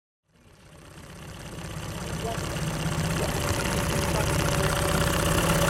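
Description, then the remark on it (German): The engine of a dark wooden tourist boat with a reed roof, on Lake Skadar in Montenegro, hums steadily with a low, throbbing rumble that swells from near silence and grows louder over a few seconds, its rhythmic pulsing continuous. “Das Brummen, das Sie hier hören, ist das Boot von Wladimir Nikac.”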